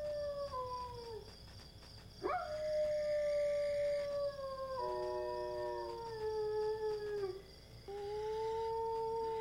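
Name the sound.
dogs howling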